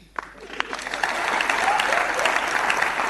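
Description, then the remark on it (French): An audience breaks into applause, starting with a few scattered claps that quickly swell into steady, dense clapping that holds loud to the end. “Ils ont fait exactement ce que vous êtes en train de faire là.”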